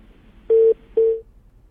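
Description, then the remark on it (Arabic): Two steady electronic phone-line beeps, each about a quarter second long with a short gap between, sound clearly and alone over faint background hiss, the tone of a phone call that has just disconnected. “طيب انقطع الاتصال ارجو المعاود الاتصال”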